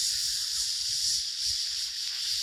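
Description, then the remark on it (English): A steady, crackling sizzle like food searing on a hot grill, continuous and fairly loud for a couple of seconds, with a faint low rumble underneath and no voices. “It's like a hibachi grill back at the Benihana. Full sizzle.”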